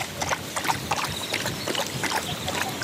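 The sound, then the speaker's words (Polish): A dog named Fila laps water from a bowl, making a quick, irregular run of wet splashy slurps that continue steadily throughout, with no voices. “I tylko piję wodę z miski.”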